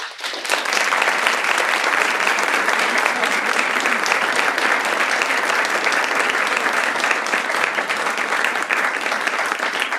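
Sustained applause from an audience at the poetry stage of Pražská Viola, a dense, steady wash of many hands clapping at even loudness for the full ten seconds, with no voices standing out.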